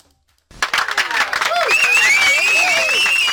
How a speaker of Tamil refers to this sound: So பதில் சொன்ன எல்லாருக்கும் ஒரு மிக பெரிய கைத்தட்டலை கொடுத்துடலாம்.